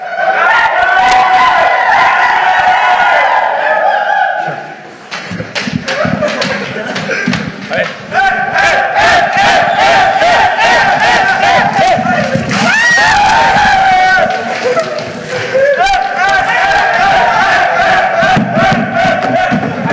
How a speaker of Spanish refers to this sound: ¿Qué se escuchaba? Pues para la gente de radio que únicamente escuchaba gritos, dijo, ¿ahora qué pasó, no? En Peloteando. De pronto la gente grita, hay un revoloteo.